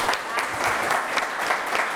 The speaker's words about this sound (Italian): Un applausone.